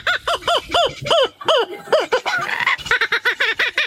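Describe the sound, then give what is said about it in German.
A laughing kookaburra's call: a loud, rapid run of rising-and-falling cackling hoots, breaking into a denser chattering burst midway before the rhythmic laughing notes resume. “Den lachenden Hans hat er nachgemacht, der klingt im Original so übrigens.”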